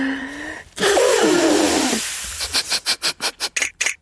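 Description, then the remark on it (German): A loud, drawn-out honking nose blow with a wavering tone, followed by a quick rhythmic series of about eight short, breathy snorts: loud nose-blowing done together with the Elephant. No one speaks. “Ja, und nur mit dir, Elefant, kann ich mir so wunderbar laut die Nase putzen. Komm, wir machen das mal.”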